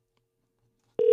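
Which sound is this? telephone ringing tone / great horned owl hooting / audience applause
telephone ringing tone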